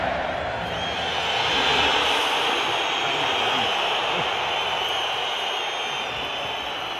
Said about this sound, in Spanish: aquí está el abucheo de la afición del colchonero a Julián Álvarez. Muy bravo.